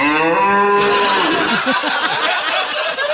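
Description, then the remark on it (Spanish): A cow lets out a long, loud moo with a rich harmonic drone, followed by a burst of overlapping laughter and chatter from several people. “Bueno, que estamos hablando de toro y salió una vaca.”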